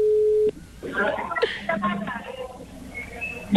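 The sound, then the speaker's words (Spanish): A telephone ringback tone on an outgoing call gives one loud, steady low beep lasting half a second, then cuts off as muffled voices and line noise come through over the phone line. “Está sonando.”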